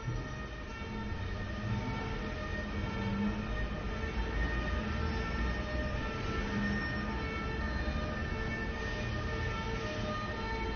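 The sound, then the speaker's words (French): The siren of an approaching police van sounds continuously over a steady rumble of city traffic on boulevard Saint-Germain near rue du Four, holding a fairly even loudness throughout. “On entend une sirène de police qui s'approche.”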